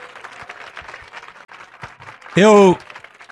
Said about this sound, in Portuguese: E vamos aplaudir mais o Senhor Jesus.